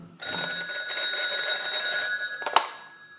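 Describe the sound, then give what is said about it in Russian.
An old-style telephone bell rings in one continuous, bright metallic trill for about two seconds, fairly loud, then cuts off with a sharp clunk; the phone in Oberleutnant Schulze-Boysen's office on the morning of 30 August 1942. “Обер-лейтенант Шульце Бойзен у телефона.”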